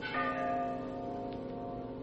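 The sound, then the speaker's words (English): A single bell tolls from way down in a gorge. Its rich, sustained tone hangs in the air and slowly decays. The sound is fairly quiet, with no voices present. “you hear that? Ah, Bell. I think it comes from way down there in the gorge.”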